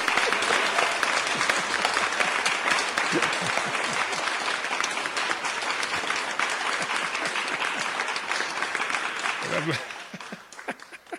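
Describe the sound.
Sustained audience applause, a dense, steady patter of many hands clapping for about ten seconds before tapering off, with a voice briefly audible near the end.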